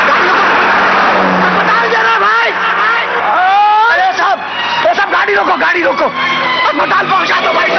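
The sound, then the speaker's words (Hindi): A car drives along a road with steady engine and road noise, while a man shouts loudly and urgently over it, begging the car to stop and take a woman to hospital. “ए भाई साहब, अरे गाड़ी रोको भाई, गाड़ी रोको।”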